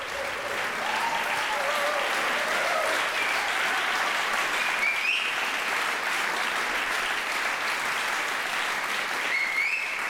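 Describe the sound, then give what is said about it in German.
Sustained, dense applause from a large audience in the Orangerie in Herrenhausen, for the NDR Radio Philharmonie and its first guest conductor Jörg Wiedmann after a Kunstfestspiele Herrenhausen concert. Steady and loud for the full duration, with a few faint whoops or cheers rising above the clapping. “Und dieser begeisterte Beifall in der Orangerie in Herrenhausen gilt der NDR Radio Philharmonie und ihrem ersten Gastdirigenten Jörg Wiedmann.”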